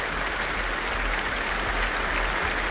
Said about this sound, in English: Jonathan Asgard returning once more to take the applause on his own.